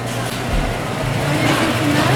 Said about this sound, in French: C'est en voiture.